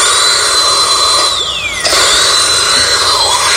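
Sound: dental drill whirring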